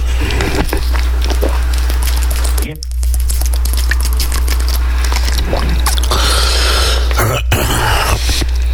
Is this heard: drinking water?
yes